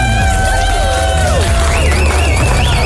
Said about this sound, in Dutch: Ik wil nog even één keer een groot applaus voor onze Artist of the Year female.